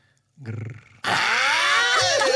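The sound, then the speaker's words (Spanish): Someone imitates a wolf: a short, low guttural growl, then an abrupt jump into a loud, raspy, sustained howl-like cry with shifting pitch. “Ahora soy lobo. Hazme un grrr.”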